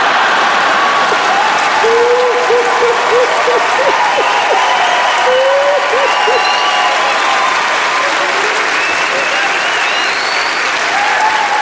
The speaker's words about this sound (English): Is some of you clapping, some are laughing, some are like, it's still not funny.